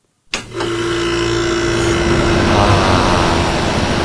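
An air conditioner sound played through a speaker switches on abruptly and runs at full blast, a loud, steady rushing whoosh of air with a low mechanical hum underneath that holds constant throughout.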